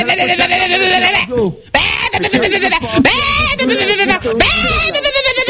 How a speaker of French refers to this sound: c'est un mouton.